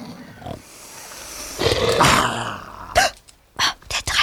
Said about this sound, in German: Da hört sie plötzlich, ganz nah, ein gefährliches Schniefen.